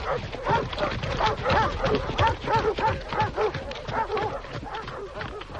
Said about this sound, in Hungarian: Urak, futnak a kutyák, indulnak a hajtók. Rajta hát ti is, vágtassatok elő!